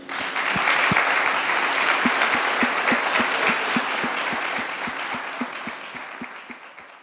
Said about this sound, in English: Let's give our scholar poets one final round of applause.